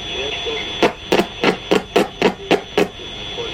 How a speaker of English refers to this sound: Creating radio waves is actually very simple. Any electric spark emits them. Each of these sparks is sending out radio waves. You hear them on the radio as interference.